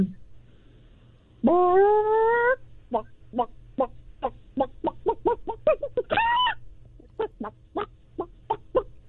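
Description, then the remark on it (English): A person does a vocal chicken imitation, opening with a long rising squawk and then a rapid string of short, punchy clucks, broken by another drawn-out squawk, loud. “The fact that you can so easily transform from human to chicken is pretty clucked.”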